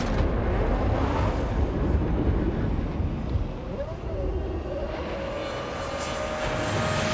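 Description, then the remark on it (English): The high-pitched V8 engine of an RB7 Formula One car, revving to 18,000 RPM, rises in pitch as it accelerates away, then holds a steady whine, heard over a constant loud rumble of wind-like noise with faint voices. “A dog with a V8 engine generating 18,000 RPM strapped to its back.”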